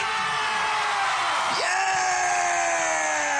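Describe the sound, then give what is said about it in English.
A loud, unbroken wall of audience cheering at Munyaka Lifestyle Estate on a Friday, packed with high-pitched whoops and screams that hold steady for the whole few seconds, with one voice briefly swooping upward midway. “Audience, calm down.”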